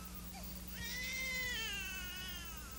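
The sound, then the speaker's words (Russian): A newborn baby boy lets out a single long, wavering wail, fairly loud, rising sharply then trailing off, over a steady low background hum with no talking. “Малыш родился.”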